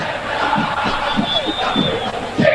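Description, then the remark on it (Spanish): A large crowd of Boca football fans chants and sings together at the Tomás Adolfo Duco stadium during a night match against Vélez, a dense, steady roar with rising and falling voices and a thin whistle-like tone drifting through. “Así suena la noche en el Tomás Adolfo Duco. La música la pone Boca.”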